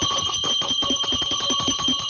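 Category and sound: signal or alarm, bell ringing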